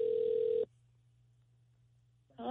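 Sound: telephone ringback tone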